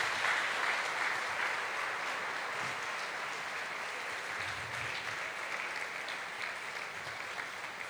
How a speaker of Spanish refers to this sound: Y esta belleza de hombre que tenemos aquí, que pido que le demos un aplauso al cielo por el Papa Francisco.